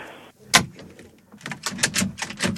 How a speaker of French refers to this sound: Poussez, monsieur, poussez. Ben c'est déjà fait. Hein. Non, mais poussez sur la porte.